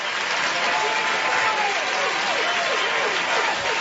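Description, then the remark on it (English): A large stadium crowd at a baseball game cheers and claps in a steady, dense roar, with a few higher shouts and whistles rising above the continuous wash of applause. “This crowd coming alive again.”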